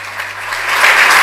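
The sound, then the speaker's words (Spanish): A crowd breaks into applause at the Orden de la Campana award ceremony, a dense wash of clapping that swells slightly louder over about a second, sounding like a full room with no voices over it. “El aplauso nuevamente para”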